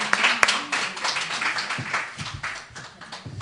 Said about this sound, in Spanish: y os damos un aplauso a todos los amigos de Mucientes, que sois, como habéis dicho al principio y lo habéis demostrado, maravillosos.